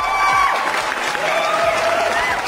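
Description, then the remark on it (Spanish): Dense applause sound effect played as a double round of applause on the Mercado Sonidero show, a crowd clapping steadily and evenly, loud throughout, mixed with faint whistly tones and cheering underneath. “Un aplauso doble.”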